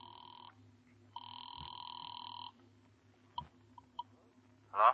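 A telephone line rings twice, steady electronic tones heard through a receiver, followed by a few soft clicks as the call connects and a brief voice at the very end.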